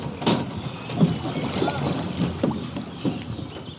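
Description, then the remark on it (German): A rowing boat moves across the River Main during rowing training, with regular soft strokes and splashes against a steady breezy, watery background. Faint voices may be present but stay indistinct. “Die haben dann ihr Boot rausgetragen und sind auf den Main, um zu trainieren.”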